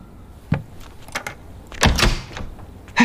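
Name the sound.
door being opened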